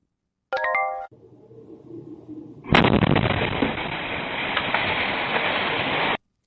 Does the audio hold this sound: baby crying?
no